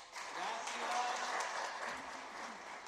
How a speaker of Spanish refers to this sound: Muy bien, un aplauso.